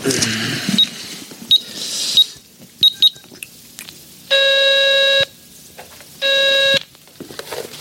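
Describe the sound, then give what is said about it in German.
Payphone dialing beeps as a call is placed with a phone card: a few short, sharp tones tapped out in quick succession, then two longer steady electronic tones, clear with only light background rustle. “können wir doch wenigstens mal anrufen und fragen, oder? Wenn du meinst. Hier, nimm meine Telefonkarte.”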